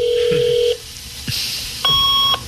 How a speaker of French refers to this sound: Ah oui, fax. Ouais. Le modem, ça. Ouais, vieux. C'est vrai.